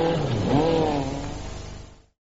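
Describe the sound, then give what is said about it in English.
A Skoda Super Estelle car engine revs up, its droning pitch climbing and then holding steady as the motor pulls away, loud throughout before cutting off abruptly after about two seconds. No voices. “Skoda's new Super Estelle puts the man in the street and his dog on the road.”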